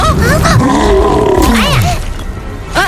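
A recording of the cartoon character Chaorenqiang (Super Strong) snoring: very loud, rough snoring with a rumbling, roar-like growl that rises and falls in pitch, sustained for about three seconds with no talking over it.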